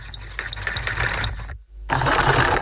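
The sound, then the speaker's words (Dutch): A Singer sewing machine runs with a steady, rapid mechanical clatter and whir, stops for a split second, then starts up again just as loud. “Een Singer, een naaimachine, ja.”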